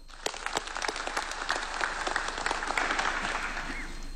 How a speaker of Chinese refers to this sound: 让我们以热烈掌声对他们的光临表示欢迎和感谢。